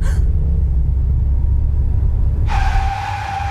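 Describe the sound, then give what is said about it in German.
A car engine rumbles heavily and steadily as the car pulls away, then a sharp, sustained high-pitched brake squeal cuts in near the end as the driver brakes to stop at a red traffic light. No one speaks. “Ey, was soll das? Warum bremsen Sie denn?”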